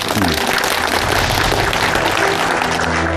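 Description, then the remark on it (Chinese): A crowd at an event in Baiyan Village, Leishan, applauds loudly and steadily for about three seconds to welcome the writer Hu Songtao, a dense crackle of many hands clapping with no pauses, over a faint low tonal hum. “接下来的时间，我觉得大家的掌声可以热烈一些，我们掌声欢迎我们的胡松涛老师。”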